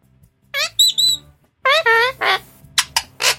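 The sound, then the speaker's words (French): A person imitates a penguin call: a series of squeaky, warbling bird-like bursts, some high and whistly, others rough and buzzy, in quick irregular succession. “Ah, il est pas mal. Le pingouin. Attends, vas-y, refais.”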